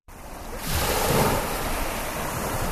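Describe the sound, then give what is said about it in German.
Waves wash steadily onto Tibidabo Beach, a tidy beach lido in Italy with rows of umbrellas and deck chairs by a deep blue sea, in a broad, continuous hiss of surf, swelling slightly after the first moments, fairly loud, with a little wind and no voices. “Tiefblaues Meer und dann fünf Reihen mit Schirmen und Liegestühlen in Reih und Glied, fein säuberlich ausgerichtet.”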